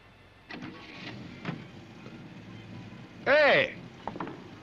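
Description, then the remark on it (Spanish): A car gives a short, loud mechanical whine that rises sharply and cuts off, standing out over a murky background with faint, muffled voices. “Oye, ¿no es ese tu coche”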